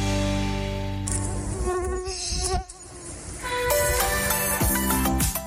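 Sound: mosquito buzzing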